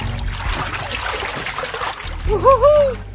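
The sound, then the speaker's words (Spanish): An elephant drinks, filling its trunk with water like a hose and then expelling it into its mouth: a steady, rushing slosh and gurgle of water runs throughout, and near the end a brief warbling, voice-like tone rises and falls over it. “Llena de agua como manguera su nariz y luego la expulsa hacia adentro de su boca.”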